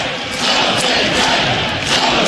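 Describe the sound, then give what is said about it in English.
A big baseball stadium crowd roars and cheers loudly and steadily after a Nebraska grand slam home run to deep right center field, a dense wall of voices with occasional shouts rising above it and no one speaking clearly. “Big Red, and listen to the crowd.”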